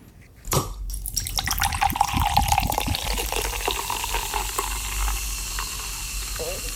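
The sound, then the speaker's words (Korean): A bottle snaps open with a sharp hiss, then carbonated water pours and fizzes steadily, the bubbling splash and hiss continuing for several seconds. “무슨 뭘 이렇게 병 따는 소리에 이어서 따고 이렇게 흐르는 소리, 탄산수 같은 거 이렇게 따르는 소리까지.”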